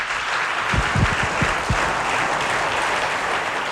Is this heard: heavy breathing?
no